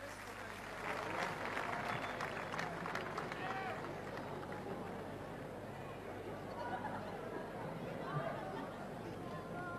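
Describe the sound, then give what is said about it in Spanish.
A crowd applauds steadily for the full stretch, dense clapping mixed with cheering voices and general hubbub, loud and sustained without pausing, as an audience welcomes a gaucho folk performer from San Andrés de Giles, Buenos Aires province, returning to the stage. “y el aplauso de ustedes es para recibirlo desde San Andrés de Giles, provincia de Buenos Aires.”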